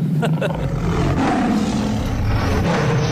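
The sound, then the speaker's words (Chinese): A mobile phone ringtone plays a tiger's roar: a loud, rough, sustained growl that fills the whole few seconds without pause, dominant, with no clear talking over it. It signals an incoming call from the director. “我手机的彩铃，老虎的叫声。”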